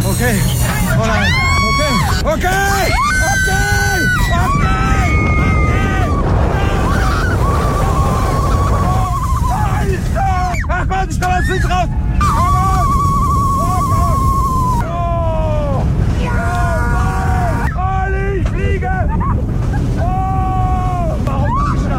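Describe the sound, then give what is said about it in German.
A ride on the Silver Star roller coaster at Europapark Rust at 130 km/h, with riders shouting: a loud, steady rushing roar throughout, overlaid by repeated high, wavering shrieks and yells that rise and fall in bursts. “130 km/h mit dem Silver Star im Europapark Rust. Hört's mal.”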